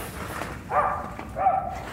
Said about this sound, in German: Er wird weiter bellen. Okay. Holen Sie den Hund rein, Doc.